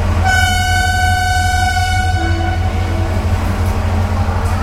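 A train rumbles along its rails with a steady, heavy low clatter, while a loud, sustained horn-like tone sounds over it for the first couple of seconds before fading.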